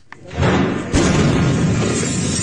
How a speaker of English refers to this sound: The moment a powerful blast shook a neighbourhood of Viacha, shattering windows and sending traumatised people scurrying for shelter.